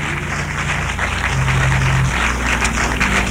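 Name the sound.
audience clapping hands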